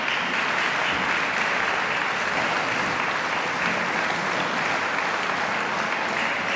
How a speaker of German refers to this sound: Georges Enescus Oktett C-Dur für Streicher. Begeisterte Applaus und Jubelrufe vom Festivalpublikum in der Heiligen Geistkirche in Wismar.